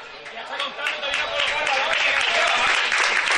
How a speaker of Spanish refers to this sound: Balón arriba, Peter que recibe, se marcha a los vestuarios y recibe el aplauso del público que tenemos aquí cerquita.